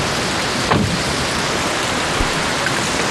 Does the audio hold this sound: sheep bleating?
no